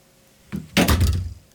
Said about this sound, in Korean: 현관문이 열렸다.